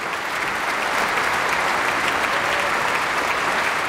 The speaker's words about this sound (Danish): Ja, det var da noget, som publikum kunne lide at dømme efter bifaldet. Et meget energisk stykke.